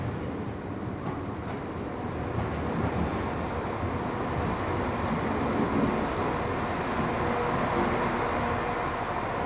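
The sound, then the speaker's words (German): A train rumbles steadily along the rails, a dense, continuous roar with rattling wheels and faint high squeals, loud throughout with no voices. “1853 kam die Eisenbahn nach Killarney.”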